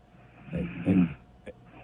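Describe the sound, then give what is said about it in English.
A single drawn-out snore from a sleeping woman rumbles low and raspy, swelling and fading over about half a second, followed by a short faint snuffle. “It turns out she's got a little snore situation.”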